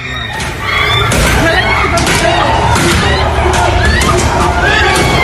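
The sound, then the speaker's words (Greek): Girls' high-pitched screams, from among victims of a violent attack, rise over a loud, chaotic crowd din of shouting voices and thuds, beginning after a brief quieter moment and staying intense and continuous throughout. “Ακούω και τις κραυγές κοριτσιών ανάμεσα στα θύματα που δέχονται την επίθεση.”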